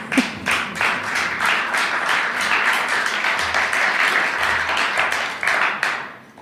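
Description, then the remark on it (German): A crowd applauds steadily for several seconds, many hands clapping in a dense, sustained wash that fades slightly at the end. “Es darf jederzeit übrigens geklatscht werden.”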